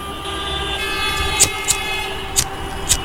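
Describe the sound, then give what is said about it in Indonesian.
A steady wailing siren sounds over the rumble of congested, crawling traffic heard from a car stuck in a traffic jam, with several short, sharp bursts that could be horns or brakes cutting through the noise. “Tapi kalau macet kayak gini, bisa cukup lama.”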